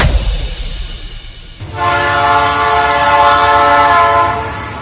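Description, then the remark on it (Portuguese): A train rumbles low for a moment, then its horn blasts in, a loud, steady, multi-toned blare held for several seconds before easing slightly at the end. “O uso de telefone e conversas nestes locais pode tirar a nossa concentração e foco, o que torna difícil ouvir a aproximação do comboio.”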